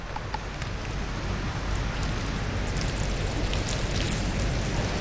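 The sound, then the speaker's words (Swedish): A steady, dense hiss of water being forced through a cylindrical filter inside a large plastic syringe to collect aquatic fungi, a continuous rain-like spray with no pauses and no voices. “And the one I push through, it's going to force water through that filter and out.”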